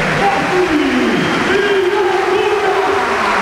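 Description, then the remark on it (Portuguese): Loud, steady crowd applause at Sporting's Estádio José Alvalade during a football match, greeting a player who has just come on for his debut: a dense wash of clapping and cheering that holds at an even level throughout, with faint voices mixed into the roar. “E a estreia de Irangunda, grande aplauso do estádio José Alvalade para o jogador que acaba de chegar, Flávio Gonçalves.”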